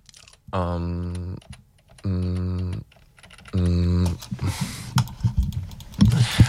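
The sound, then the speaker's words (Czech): Three sustained buzzy tones sound in a row, then rapid, irregular clicking of typing on a computer keyboard follows, fairly loud, with no one talking. “Jo, klávesnice tam mám fakt pšenka nepokvete.”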